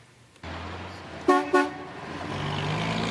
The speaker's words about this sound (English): There's plenty of daily traffic through this three-way stop in Martindale. It's one of the main roadways in and out of the Northeast community, and according to new city data, it's the riskiest intersection in Calgary without pedestrian lights